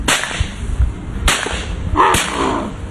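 Three loud shotgun blasts fired at a flying bird, a white-wing, roughly a second apart, each a sudden sharp crack with a short decaying tail over a steady hiss of outdoor background noise.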